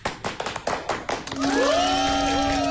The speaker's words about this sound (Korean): 박수!